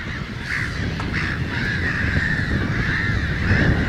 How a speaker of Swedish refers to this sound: Men som sagt, skyddet mot rovfåglar är mer värt. Och därför bildar skrattmåsen sådana här kolonier med 1000, 2000, 3000 fåglar.